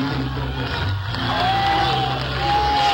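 A large concert crowd roars and cheers in a loud, continuous wash of noise, with a sustained whistle rising out of the din partway through.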